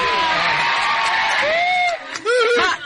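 A crowd claps and cheers loudly for guests on the Radio Italiana 531 show in Cannes, with several high whoops and shouts rising over the steady wash of applause; the noise dips briefly near the end before swelling again.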